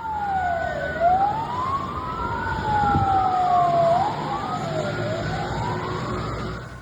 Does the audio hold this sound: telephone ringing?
no